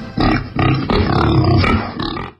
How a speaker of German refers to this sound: Dort, wo das Wildschwein grunzt.